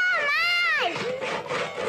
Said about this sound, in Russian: Базилио и Алиса подбегают с пилой к сосне. Пилой! Пилят.